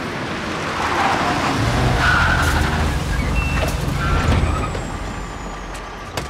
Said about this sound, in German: Schau mal, die Autos da. Oh, jetzt kommt ein großer Bus. Schau mal. Ui, so viele Autos.